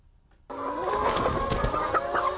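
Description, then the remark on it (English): A dense chorus of chickens clucking and squawking together, a flock of about 10,000 chickens on a free-range egg farm in Kangaroo Valley, Australia, steady and busy with overlapping calls after a brief quiet start. “With a flock of 10,000 chickens, Kristen McLennan is closely following Australia's bird flu cases.”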